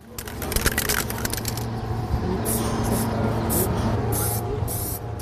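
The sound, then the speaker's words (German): A spray can hisses onto a surface in several short bursts, following a stretch of quick rattling clicks, with a low steady hum underneath. Spray paint is applied from scaffolding onto the wall of a gym building as part of a large anniversary mural at the Jugenddorf Knutwil youth village in central Switzerland. “auf einem Baugerüst, in der Hand eine Spraydose. Doch was er an die Turnhalle sprayt, ist kein hastig hingeschmiertes illegales Graffiti mitten in der Nacht, sondern Teil eines großen Jubiläumswandbilds für das”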